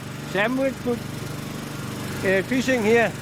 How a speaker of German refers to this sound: schmeißt den Motor wieder an.